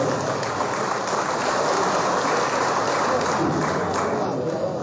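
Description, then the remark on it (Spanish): Sustained audience applause in Bolivia, a dense, steady wash of many hands clapping at once, loud and continuous for several seconds with no pauses, welcoming a speech by an executive of the Confederación Sindical Única de Trabajadores Campesinos de Bolivia. “Recibimos con un fuerte aplauso las palabras”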